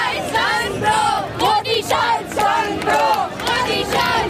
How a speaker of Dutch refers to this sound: Maar hier roepen jongeren weer om de naam van Rahul Gandhi.